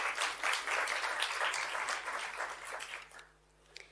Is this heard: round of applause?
yes